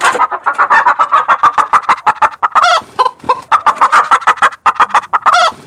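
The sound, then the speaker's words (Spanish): A hen cackles loudly after laying an egg, a rapid run of sharp clucks broken by drawn-out squawks, continuous with no talking. “Esa era una gallina poniendo un huevo, pero todos lo supieron inmediatamente.”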